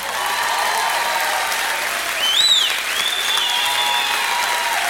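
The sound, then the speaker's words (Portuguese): A crowd breaks into sustained, enthusiastic applause for Nuno Norte that fills the room steadily for several seconds, with a few whistles and cheers rising above the clapping partway through. “Quero uma grande salva de palmas calorosa para o Sr.”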